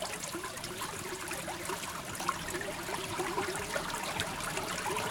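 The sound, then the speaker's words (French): A small stream trickles steadily, a continuous bright babbling wash of water with no voices or other sounds. “Oh, c'est un petit ruisseau, hein.”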